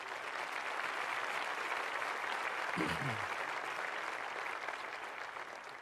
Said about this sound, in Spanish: Muy bien. Dale fuerte ese aplauso al Señor, claro.